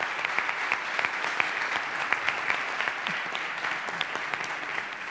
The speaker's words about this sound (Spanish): Es alumnado que viene de cuatro municipios distintos de la provincia de Huelva, de Calañas, de Nerva, de Valverde y de La Rábida. Un aplauso otra vez, este es para vosotros.